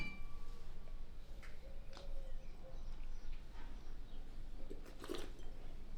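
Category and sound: household object, wine glasses clinking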